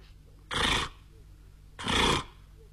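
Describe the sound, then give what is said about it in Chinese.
A horse chewing dry grass snorts twice, two loud, breathy, rough bursts of air about a second apart, each lasting under half a second, with a faint low hum between them. “忽然又听见一种响声，咯吱咯吱的，在嚼什么东西。”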